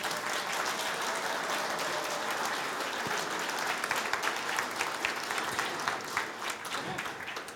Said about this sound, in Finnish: Hei, yleisö, taputuksia.